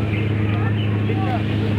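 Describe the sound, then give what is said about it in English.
A boat's engine drones steadily with a low hum under constant rushing, churning water noise as it enters river rapids, loud throughout, with faint voices mixed in. “We are now entering the Great White River Rapids.”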